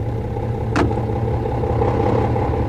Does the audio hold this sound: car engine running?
yes